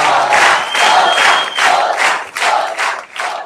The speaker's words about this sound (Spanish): el primer ganador, ¡fuerte el aplauso!